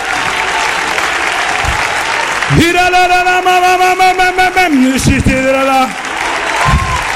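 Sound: audience applauding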